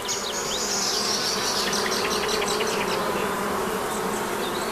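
A dense, steady drone of many honeybees buzzing around a hive, continuous, with layered humming tones and no voices throughout.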